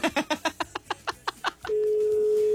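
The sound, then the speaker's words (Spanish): A quick run of about a dozen telephone keypad beeps, then a steady, unbroken phone tone holds to the end, clear, with no one picking up the call. “Creo que no va a contestar.”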